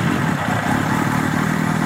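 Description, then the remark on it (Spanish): A motorcycle engine runs steadily, a loud, continuous low rumble with a faint rattling texture and no one speaking, in a Cruz Roja (Red Cross) road-safety message for motorcyclists on the road. “Cuando te eches a la carretera en tu moto,”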